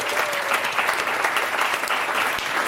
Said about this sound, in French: Déjà, je vous propose qu'on l'applaudisse,